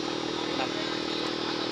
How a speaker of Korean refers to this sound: 새우를 내려놓자마자 다시 양식장으로 달려가는 오토바이 일꾼들.